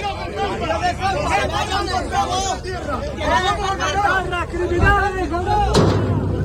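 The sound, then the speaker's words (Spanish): A gunshot fired into the air by police cracks out once near the end, sharp and fairly loud, over a dense, agitated crowd hubbub of many voices shouting and talking throughout, during a confrontation between a group and local residents. “La policía ha realizado disparos al aire.”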